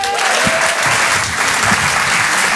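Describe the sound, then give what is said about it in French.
An audience at a comedy show in Paris claps loudly and steadily to welcome comedian Léa Landau on stage, a dense, continuous wash of applause that holds at full strength for the whole stretch without fading. “Je vous demande de l'applaudir très très fort, s'il vous plaît, de l'encourager.”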